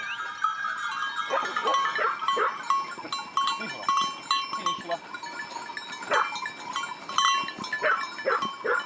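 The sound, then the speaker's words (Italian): A large shepherd's flock of 260 sheep bleats continuously, many overlapping calls, with faint bells clinking and a dog occasionally barking amid the outdoor farm bustle. “ha deciso fin da piccolo di seguire le orme dei nonni, di diventare un pastore. Ha 260 pecore.”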